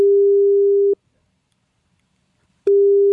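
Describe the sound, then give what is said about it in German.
A telephone ringback tone from an outgoing call placed by an SR3 Saarlandwelle radio presenter to the Bildungszentrum Körkel in Gindorf: a steady, low-pitched electronic tone plays for about a second, falls silent for nearly two seconds, then sounds again. No voices. “Einen Zettel, den er dann genutzt hat, um zu telefonieren. Das hat er gemacht. Er hat angerufen.”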